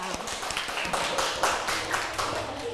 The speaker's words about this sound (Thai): ไหนใครถูกต้องทุกข้อยกมือใครทำถูกต้องบ้าง very good ดีมากปรบมือให้ตนเองค่ะ